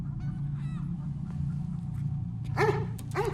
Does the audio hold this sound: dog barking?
yes